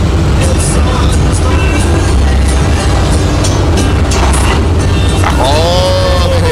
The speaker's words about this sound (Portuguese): É, mandou aqui o vídeo aqui do caminhão da BR dirigindo, escutando. Escuta aí o barulho do caminhão dele. Escuta aqui, pra vocês verem.